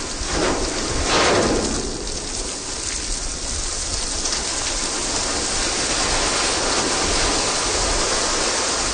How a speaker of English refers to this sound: In addition to there being, you know, all these amazing things to look at that I would imagine would inspire music, there are also very cool sounds in Antarctica. Here's a recording you made of the ship hitting sea ice.